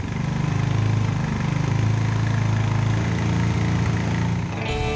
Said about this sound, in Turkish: Bu cihazı motorun ateşleme kablosuna bağlıyoruz. Kablodan gelen elektrik sinyalleri cihazın ekranında motor devir sayısı olarak beliriyor. Ve böylece biz de motosikletin rölantideki motor devrini ve çıkardığı ses seviyesini tespit edebiliyoruz.